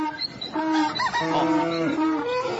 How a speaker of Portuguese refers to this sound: Solta a bicharada pra acordar os ouvintes e cuidar da lida.